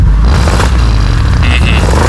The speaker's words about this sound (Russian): И если вы будете знать правильный ответ, вам нужно будет издать звук, подобный выхлопу BMW. Давайте послушаем, как он звучит.